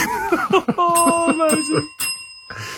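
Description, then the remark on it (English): A bright, metallic bell rings several times in quick succession, clear, its tones lingering briefly between strikes, with a short burst of laughter-like voice just before. “And also, I hear the bell”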